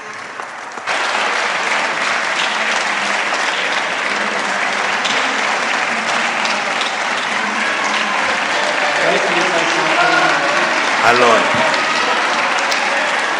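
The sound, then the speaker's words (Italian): Loud, sustained applause from many hands fills the Italian Senate chamber after a speech, a dense, steady clatter that holds for over twelve seconds, with a brief voice speaking over it. “Sto lasciando che applaudano.”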